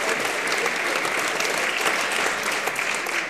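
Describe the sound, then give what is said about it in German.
Steady audience applause fills the whole stretch, a dense, even wash of many hands clapping at a consistent loud level with no voices standing out, at a cabaret show after a classical piece sung in Neapolitan. “Ja, aber das ist wirklich nett, dass Sie da klatschen.”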